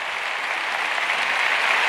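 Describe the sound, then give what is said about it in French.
A crowd of the faithful claps and cheers after their bishop, José Mazuelos Pérez, gives a thank-you speech to Pope Leo; a dense, even wash of applause that holds at the same loud level for the whole two seconds with no voices standing out. “Les acclamations des fidèles à la suite du mot de remerciement de leur pasteur, leur évêque.”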